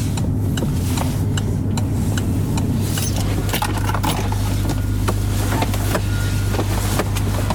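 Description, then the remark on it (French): A car engine hums steadily as the car pulls in and parks at the port of Dunkirk, France, with scattered clicks, ticks and small thumps from inside the car over the rumble. “Ouais, ouais, ouais, je vais me garer.”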